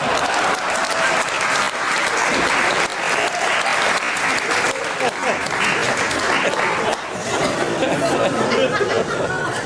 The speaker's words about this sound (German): Ein Applaus für meine Assistentin Monika.